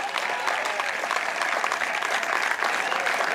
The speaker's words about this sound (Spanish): ¿Cuántos alaban al Señor en esta hora? Pero fuerte ese aplauso, así es para el Señor.